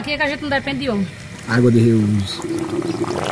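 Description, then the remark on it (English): A steady pouring, trickling water sound runs underneath voices, with soft liquid splashing continuing at moderate loudness throughout, as grey water driven by an electric pump trickles slowly out of black rubber hoses along palma cactuses and fruit trees. “Water is slowly trickling out of black rubber hoses along the cactuses”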